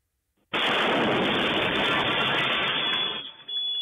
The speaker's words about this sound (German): So hat es heute Morgen um kurz vor 16:30 ausgesehen. Frankfurt auf der Zeil. Wieder Explosionen mitten in der Innenstadt. Ein Sprengsatz also auf der Zeil der bekanntesten, der umsatzstärksten Einkaufsstraße bei uns in Hessen und auch vor einem Café